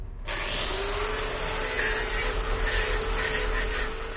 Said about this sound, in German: Erst auskratzen, eventuell zurückschneiden, dann kommt das Schleifen.